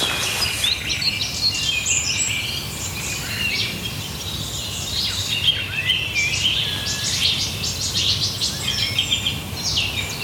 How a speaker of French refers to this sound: C'est grave, c'est un chant grave quand même. Hein. Tu vois? Ça, c'est typique du rossignol Philomèle, ce départ-là.